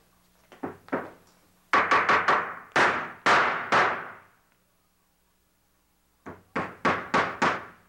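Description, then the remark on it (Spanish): A hammer knocks as someone puts in a platform (tarima), in quick bursts of sharp, ringing blows: a few light taps, then a run of heavy strikes, a silent pause, and another rapid series. No one speaks. “Pues un martillo.”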